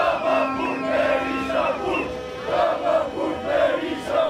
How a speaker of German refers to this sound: Und dann gibt es noch immer diesen Sprechchor.